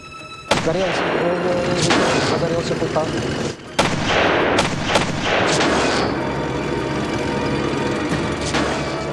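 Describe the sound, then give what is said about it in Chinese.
Loud battlefield gunfire with heavy, booming anti-tank rifle shots fired at German tanks cracking out at irregular intervals over a constant roar of firing and rumble, with a brief lull just before the fourth second. “反坦克子弹先穿透坦克的前护甲，子弹碎片可能会击中德军坦克里的成员，还可能会击中油箱，导致油箱起火爆炸。”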